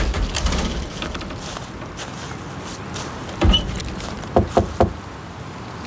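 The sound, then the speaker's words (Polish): Loud knocking on the wooden door of a grandfather's small house, as the sun comes out from behind the trees: a single hard rap, then a quick cluster of three sharp knocks, each a hollow thud against a steady low background hiss. “Walicie w drzwi, jakby coś się stało.”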